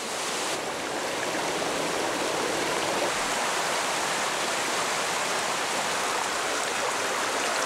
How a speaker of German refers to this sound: Dann bricht das Unwetter herein. Das viele Wasser kann der Boden nicht schnell genug aufnehmen. Im nahen Balkangebirge verwandeln sich Rinnsale in reißende Bäche, schicken ihre Fluten hinab ins Donautal.